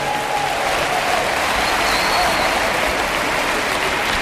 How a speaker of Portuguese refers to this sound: Quero-vos apresentar a banda. Uma salva de palmas aqui para o Nuno nas guitarras e Jorge Moura.